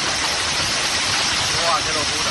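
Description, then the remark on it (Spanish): A dense, steady roar of hailstones up to 5 centimetres across pelting down in a storm in Tarragona, loud and continuous throughout with a broad hiss and no clear pauses. “Este es, por ejemplo, el sonido ayer en Tarragona, donde cayó pedrisco de hasta 5 centímetros.”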